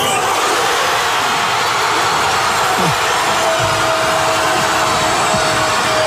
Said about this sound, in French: Explosion évidemment de joie dans toute la ville.